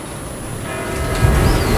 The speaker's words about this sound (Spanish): Son las 8. Mira, escucha las campanas.